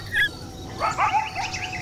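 A coyote yelps and barks in a rapid, overlapping burst of shrill, high-pitched yips and short wavering calls at moderate volume, with no voices present.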